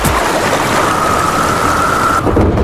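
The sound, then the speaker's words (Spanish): Steady, dense rain hisses with a low thunder rumble beneath it, a thin sustained tone briefly sounding over the storm midway through; no voices. “Comienza la temporada de tormentas y ¿tienes miedo de que se te inunde tu vivienda, negocio, garaje o trastero?”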